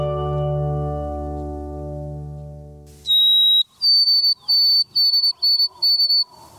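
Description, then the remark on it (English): After a low, droning musical tone ends, a white-throated sparrow sings: a long, pure, high whistle, then a string of quick, repeated whistled notes on a slightly higher pitch. “Birds like this white-throated sparrow can sense barometric pressure and know when the winter weather is about to turn sour.”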